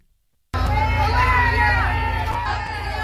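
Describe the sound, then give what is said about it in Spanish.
A large crowd erupts into loud, sustained jeering and booing after a brief silence, a dense wall of many voices that stays strong throughout, aimed at Venezuela's acting president Delcy Rodríguez as she visits foreign rescue brigades in La Guaira. “Estos son los abucheos que ha recibido la presidenta encargada, Delcy Rodríguez, cuando ha visitado a los brigadistas de otros países en La Guaira.”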